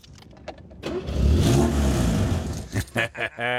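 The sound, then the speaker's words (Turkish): An older car's small Twin Cam inline-four engine cranks and catches, then revs up into a loud, rising roar that settles into a steady idle, with a few short bursts of voices toward the end. “Evet, işin motor bölmesinde olacak. Evet. Hadi ateşle.”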